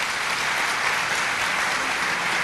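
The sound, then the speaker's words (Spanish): A crowd claps steadily for a man who has come up to help the speaker, a dense, even wash of many hands that stays loud and constant throughout, with no voices standing out. “Un aplauso para este valiente.”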